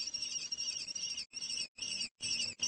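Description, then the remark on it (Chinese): Kestrel chicks in their nest in a small town scream in alarm as two crows fly at the nest, a loud, shrill, piercing cry held in long unbroken bursts with a few brief pauses between them, and no talking. “面对危险，幼雏们大声呼救。”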